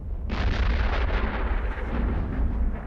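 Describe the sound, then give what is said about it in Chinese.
A deep, heavy boom of artillery cannon fire bursts in and rolls on as a sustained, loud low rumble for a few seconds, with no voices present. “那应该是炮声。 炮声雷声对你来说都一样。”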